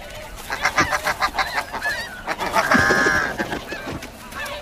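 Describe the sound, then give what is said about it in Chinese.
Snow goose parents defending their eggs honk in a rapid, overlapping chorus of harsh, nasal calls, loud and insistent, with a sustained burst of higher-pitched honking near the middle before the calls thin out. “要想突破雪雁父母的防线，绝非易事。”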